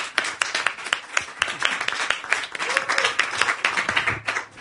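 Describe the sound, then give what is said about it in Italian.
Steady audience applause for a comedian at a comedy evening fills the whole stretch, many hands clapping densely, with a faint murmur of voices underneath. “Applauso per”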